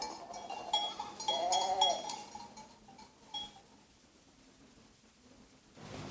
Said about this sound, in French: Mais les moutons mangent, même le jeudi, le jour du catéchisme, et la nourrice ne laisse pas aller Bernadette.